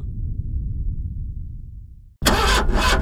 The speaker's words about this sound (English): When your car won't start, and all you get is...